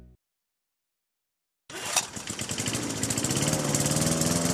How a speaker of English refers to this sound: Look at you, gassed up and ready to be Mr. Perfect Lawn. Your wife and neighbors must be so proud, because nothing instills pride quite like mowing equidistant lines and fescue.